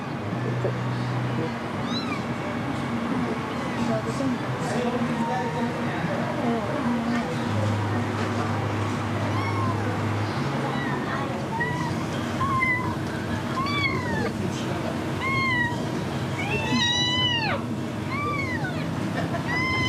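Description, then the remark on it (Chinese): A hungry kitten that has not eaten meows over and over, thin high-pitched cries that grow more frequent and insistent toward the end, set against a steady wash of background noise and murmuring voices. “阿姨，那把这小猫先放在你这里了，放在这里。”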